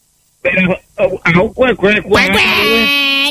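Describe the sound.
A caller on a phone line imitates a duck with several short, nasal quacks in a quick uneven rhythm, then a longer drawn-out squawk, loud with a thin, phone-like tone.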